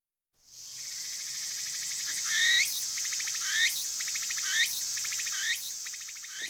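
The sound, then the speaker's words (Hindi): A Japanese cricket, a kind found in forests, gardens and on cherry and persimmon trees, chirps steadily in a dense, high-pitched trill, with four brighter rising chirps standing out at regular intervals over the continuous buzz. No voices are heard. “तो आइए इसकी भी आवाज़ सुने।”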